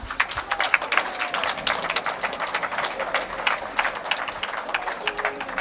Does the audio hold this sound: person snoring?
no